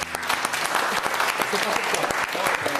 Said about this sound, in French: On applaudit Bruno Coppens. Bruno.